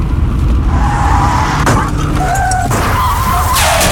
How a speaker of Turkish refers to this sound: Az önce biri takip mesafesini korumadığı için önündeki araca çarpan birine çarptı ve kemer takmadığı için yaralandı.